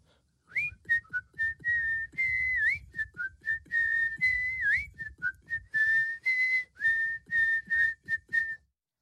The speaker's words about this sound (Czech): Kluk se z toho náramně radoval a z té radosti si dal ruce do kapes a začal pískat písničku